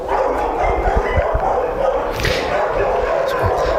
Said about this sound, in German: Können Sie ihn denn am Bellen eigentlich erkennen oder bellt er gar nicht so viel? Doch, der bellt leider sehr viel.